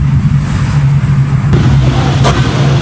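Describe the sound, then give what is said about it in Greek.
A car engine hums steadily, then a brief thump and scrape cuts through as the vehicle rolls over a steep, yellow-painted speed bump, its underside striking the road surface. No one speaks. “Αρκετά αυτοκίνητα βρίσκουν στο οδόστρωμα, ακόμη και όταν κινούνται εντός των προβλεπόμενων όριων ταχύτητας.”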